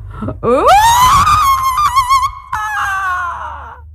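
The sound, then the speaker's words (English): A woman lets out a long, loud, terrifying scream that rises sharply in pitch and holds, breaking briefly partway through before trailing off, with a rough roaring edge beneath it, as she holds a makeshift spear over her head facing a wolf. “Then she held it over her head and with a roar, and she did not know where that roar came from, she sent out her most terrifying scream.”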